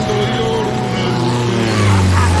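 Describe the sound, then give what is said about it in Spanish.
A small propeller plane drones steadily overhead, its buzzing engine hum loud and continuous, swelling slightly toward the end. “¿has visto una avioneta a estas horas? Qué raro por aquí.”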